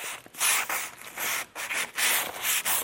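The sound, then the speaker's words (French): Sandpaper rubbing over a wooden stepladder in quick back-and-forth strokes as a 20-year-old Swiss carpenter gives it a final finish while training for a world championship, a dry, hissing scrape that swells and fades with each pass, about eight strokes in a steady rhythm with no voices. “Dernière finition sur un escabeau en bois. Muni de papier de verre,”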